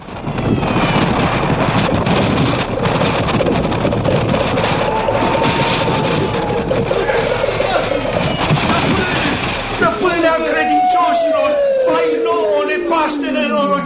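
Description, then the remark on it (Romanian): A loud, steady roar of rushing wind as Aladdin's palace flies through the sky sweeps through for about ten seconds, then gives way to eerie whistling tones that glide slowly downward. “Palatul lui Aladin zboară prin vântul ca pasărea cerului.”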